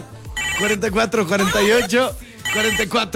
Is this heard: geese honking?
no